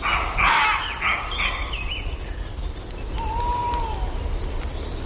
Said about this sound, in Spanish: vamos a escuchar los ladridos de los lobos, de los zorros, ahí, en combinación con los ladridos de los corzos. El carnívoro astuto con el corzo. El suavecito ladrido es el zorro, claro. Corzo, zorro. Toma ya. Esto sí que es en redes, en Asturias.